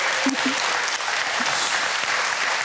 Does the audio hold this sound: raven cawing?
no